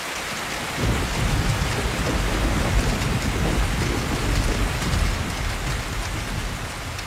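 Steady, heavy rain falls in a forest, pattering continuously with a deep rumbling undertone like thunder beneath the dense hiss of drops. It begins after a brief quiet moment and holds at an even loudness, with no voices.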